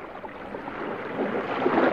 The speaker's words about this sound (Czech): Loď si to plula po klidným moři a všichni námořníci odevzdaně drhli palubu, pořád něco natírali, jak už to tak námořníci dělají.